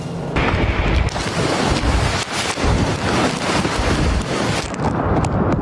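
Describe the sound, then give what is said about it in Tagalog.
Howling wind of Super Typhoon Bavi roars continuously with heavy rain pouring down in Tamuning, Guam, at night: a dense, loud, steady rush of noise with gusty swells and buffeting against the microphone, no voices. “Binayo ng malakas na hangin kasabay ng buhos ng ulan ang lugar”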